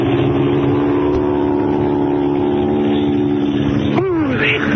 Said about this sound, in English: They're starting their takeoff. You're taxiing right toward them.